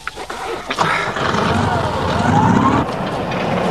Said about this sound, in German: Warten Sie, gehen Sie noch nicht. Vielleicht springt der Motor jetzt an.